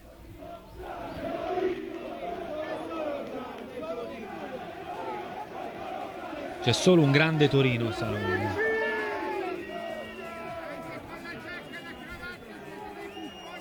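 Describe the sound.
A large stadium crowd chants in unison, a dense roar of voices, then a loud burst of shrill whistling and jeering at the arriving Torino team on a day of remembrance rises midway before settling back into the steady crowd din.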